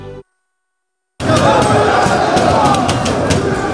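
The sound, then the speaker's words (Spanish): After a short silence, a loud, dense crowd in Paris erupts into sustained cheering and shouting on the night of 30 May as Paris Saint-Germain win their second Champions League, a continuous roar of many voices with scattered louder yells rising above it. “Esto que escuchas es la noche parisina la noche del 30 de mayo en el que el Paris Saint-Germain conseguía a unos poquitos de kilómetros de distancia en Budapest su segunda Liga de Campeones, su segunda Champions.”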